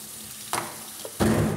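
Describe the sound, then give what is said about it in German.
Hot water poured over a frozen block of feed, turned upside down out of a bucket in a feed kitchen, sets off a crackling, sizzling burst, then a brief pause and a second, louder wave of crackling and hissing. Because of this sound the frozen ball is called an ice bomb (Eisbombe). “Wegen dieses Geräusches nennt man die Kugel auch Eisbombe.”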